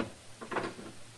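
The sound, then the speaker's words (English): A door is handled and opened: a short cluster of soft clicks and rattles, like a latch and lock, followed by a brief scrape, fairly quiet with no voices. “I'll give you just 5 seconds to get that door open and come out here.”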